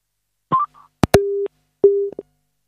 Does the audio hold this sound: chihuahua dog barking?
no